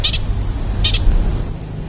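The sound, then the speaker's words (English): A pika gives its alarm call in the morning: short, high-pitched squeaking chirps, each a quick double note, repeating about once a second over a low, steady background rumble. “So we have our first pika of the morning.”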